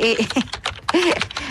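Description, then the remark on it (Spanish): Rapid clacking of someone typing on a computer keyboard, a quick irregular run of keystrokes while a person talks over it, as a radio host looks up weather details. “así suena mi teclado.”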